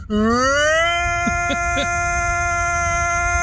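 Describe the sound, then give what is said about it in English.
A person's voice imitates a tornado siren, a loud wail that rises in pitch over the first second, then holds a steady, buzzy tone. A few brief chirps break in partway through. “Beware, that's not a real tornado siren.”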